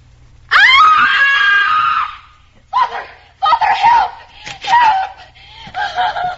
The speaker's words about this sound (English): …, why are you screaming?